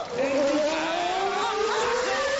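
A loud car engine revs up steadily as the driver presses the accelerator during a driving lesson, its droning pitch climbing over a couple of seconds as it accelerates, with a rushing, noisy roar underneath and no clear talking.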